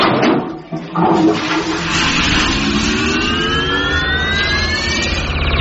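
A loud toilet flush, its chain pulled on the count of three, on a toilet that is a teleportation device, roars steadily for several seconds, a rushing torrent of water with rising whooshing whines sweeping upward through it, no voices present.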